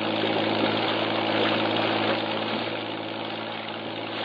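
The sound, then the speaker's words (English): A patrol boat motor drones steadily as the boat shoves off from the waterfront, a dense, constant engine roar with a low rumble underneath and no pauses, running alone without any voices. “Jeffries, Morris, and I race to the waterfront and pile aboard one of the several patrol boats lined up for the operation. We shove off.”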